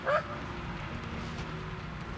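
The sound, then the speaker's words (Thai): A single short, sharp, threatening dog bark at the front of a nest, meant to frighten the creatures inside, sounds right at the start, followed by a steady low background hum with no further barking. “วันที่สถานการณ์สุกงอมแก๊งหมาบุกเข้าไปที่หน้ารังเหมือนทุกครั้งส่งเสียงเห่าขู่ตั้งใจให้พวกนาคตื่นกลัวไม่กล้าออกมาเผชิญหน้า”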